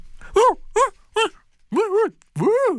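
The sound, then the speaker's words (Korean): A person imitates a dog with five voiced yelps and whines meant to be played to a pet dog: three short ones in quick succession, then two longer, drawn-out whimpers, all fairly loud, with no other talk. “반려 강아지에게 이 음성을 들려주신 반려 강아지가 하면서”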